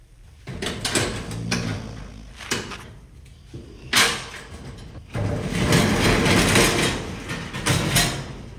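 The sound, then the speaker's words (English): A large storage unit door rattles and scrapes open with several clunks and a metallic rolling rumble, loud, continuing as a sustained grinding slide toward the end. “so let's just open the door.”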